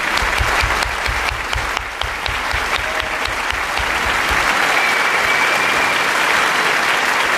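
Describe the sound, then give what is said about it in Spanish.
Sustained audience applause on the radio programme Radioficción, for Sergio del Molino's farewell and his last interviewee, Nell Harper Lee: a dense wash of many hands clapping at steady loudness throughout, with some rhythmic low thumps in the first half and no speech. “Y un aplauso también para su última entrevistada, que ha sido Nell Harper Lee.”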